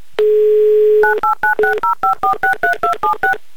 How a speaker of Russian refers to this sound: Набран номер телефона, звонок идет недалеко, а значит, скоро должны появиться гудки, но мне очень хочется в это верить, и да, они случились.